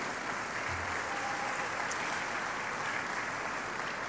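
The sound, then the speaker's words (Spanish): Sustained applause from an audience in Ciudad Madero for retired teachers, a dense, steady wash of many hands clapping at an even, fairly loud level throughout, with no voices standing out. “Un fuerte aplauso para ellos también.”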